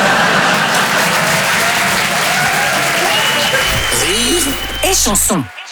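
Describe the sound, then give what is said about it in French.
An audience claps steadily and loudly for several seconds, a dense wash of many hands, with a voice breaking through near the end before the applause abruptly stops. “Non, n'applaudis pas.”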